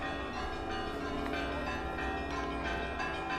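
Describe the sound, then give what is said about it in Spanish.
Church bells ring out continuously to greet German troops arriving in the Baltic states, several overlapping peals blending into a steady, resonant clangor with rich ringing overtones and no pauses, full. “Las tropas alemanas son recibidas con el tañido de las campanas.”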